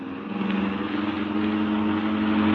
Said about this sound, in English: We're coming to that long stretch. No cars behind us and none coming. Step on it now.